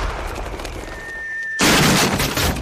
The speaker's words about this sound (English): He's firing his recent furniture purchase from the cannon to his house.